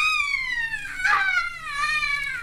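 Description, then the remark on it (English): A sudden, blood-curdling shriek of frustration and anguish from another part of an old-fashioned house in New York City holds for over two seconds, its high pitch sagging slightly and wavering, with a harsher, strained burst midway and no talk around it. “A young man has just entered the darkened interior, and as he moves across the room, he hears a sudden, blood-curdling shriek of frustration and anguish coming from another part of the house.”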